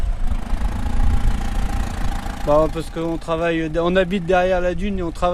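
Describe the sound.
A tractor engine idles with a steady low rumble and a faint whine; about halfway through, a voice starts talking over the continuing engine noise.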